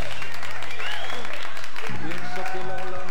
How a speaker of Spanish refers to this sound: Fuerte los aplausos.